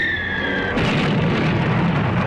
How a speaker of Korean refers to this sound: 앞에 선 자동차 한 대가 비행기에서 쏜 로켓 포에 명중되어 차에서 불길이 솟구쳤다. 적기들은 로켓 포와 나팔탄을 쏘아댔다.